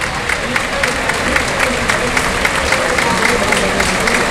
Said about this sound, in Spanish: Con esta ovación que oyen de fondo, saluda al presidente.